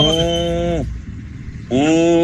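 A cow moos loudly, a long low call that falls off, then after a short pause a second moo begins, steady and drawn out.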